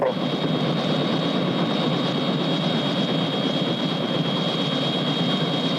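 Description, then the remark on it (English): A helicopter, sent to pick someone up, roars steadily and loudly, a dense, constant drone with a thin high whine running through it and no voices over it. “Well, I've already sent a chopper over there to pick you up.”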